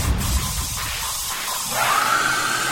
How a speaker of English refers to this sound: It's meant to be a hairdryer at the end, not a lady screaming. It does sound like somebody being pretty badly murdered.